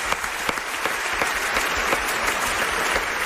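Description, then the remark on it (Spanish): An audience applauds steadily for a newly introduced guest, a dense wash of many hands clapping at an even, sustained loudness with no voices standing out. “Bueno, pues un aplauso para este nuevo amigo que acabamos de hacer, por favor.”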